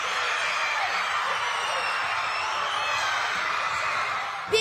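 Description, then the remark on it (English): A large crowd of school pupils in Wiltshire cheers and screams continuously at a 7 a.m. school party while watching a football match, a dense, high-pitched roar of whoops and yells that holds steady throughout before cutting off abruptly at the end. “The whole school just started cheering and the atmosphere was so great.”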